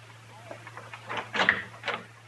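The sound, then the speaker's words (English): A door is opened with a few short rattling, scraping bursts, the loudest clatter near the middle, over a steady low hum. “Open the door, Dillon.”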